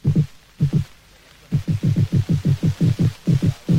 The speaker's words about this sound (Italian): Il pesce rospo, ad esempio, per tutelare i suoi diritti al proprio luogo di nidificazione, emette un suono simile al rullio di tamburi. E così facendo è come se dicesse vietato l'accesso.